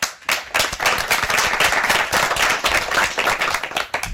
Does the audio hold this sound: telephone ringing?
no